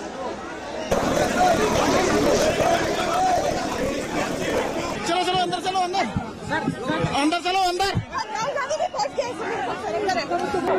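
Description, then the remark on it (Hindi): A dense crowd commotion of many overlapping voices at a political march where a stampede breaks out, loud, with surges of shouting and agitated chatter; individual people call out urgently over the continuous din. “यहाँ पे काफी भगदड़ मच गई क्योंकि कोई सिक्योरिटी अरेंजमेंट किसी तरीके की नहीं थी।”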